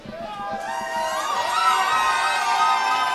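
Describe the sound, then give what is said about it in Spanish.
An audience erupts in loud, sustained cheering and whooping for the band's drummer, who has been playing drums for a month, many voices swelling together after a brief moment and holding strong, with a textured wash of crowd noise underneath. “Bueno, quiero que le deis un aplauso especial a mi hermano que lleva un mes tocando la batería.”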